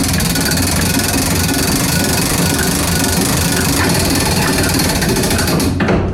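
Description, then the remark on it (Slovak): The third weight of a tower clock, the one that strikes the hours on a large bell cast from bell bronze, being wound with the original hand crank: a loud, steady, rapid mechanical clatter of ratcheting gears for several seconds with no voices, then an abrupt stop, leaving the clock wound for 30 hours. “No a takto sa dá povedať, že je natiahnutá hodina na tých 30 hodín.”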